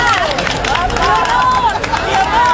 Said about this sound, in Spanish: Alteza, bienvenida. No sé si a vosotros os recibieron así, al grito de guapa o guapo el primer día de clase, que además es el más duro